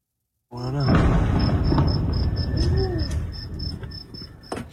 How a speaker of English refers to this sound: The sound of escalation in the Middle East, an explosion in northern Iran. U.S. airstrikes are landing inside the country.